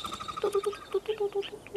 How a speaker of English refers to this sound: And I love the sound of crested pigeons taking off in a hurry.